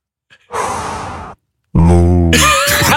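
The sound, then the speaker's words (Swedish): A breathy rush of air, a short pause, then a voice gives a long, low, droning moo in imitation of a cow, its pitch wavering and ending in a breathy hiss. “Så kanske det kommer en liten kossa också.”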